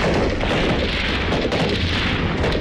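Loud, dense machine-gun fire from a tank rattles continuously amid a heavy battlefield roar, with rapid bursts and rumbling booms blending into a constant wall of noise.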